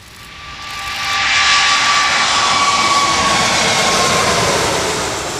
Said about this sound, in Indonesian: Meski berlangsung singkat, kedatangan pesawat A380 milik Emirates menjadi momen langka bagi dunia pecinta penerbangan.